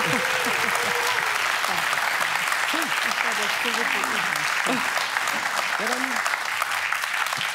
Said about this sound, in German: Ihr liegt also richtig. Jetzt kann er mal ordentlich geklatscht werden.